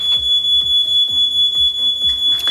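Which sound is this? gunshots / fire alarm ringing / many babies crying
fire alarm ringing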